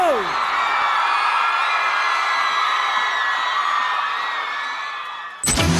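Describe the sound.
A crowd cheers and applauds loudly and steadily, with whoops and shouting voices layered over dense clapping for about five seconds before the sound cuts off abruptly.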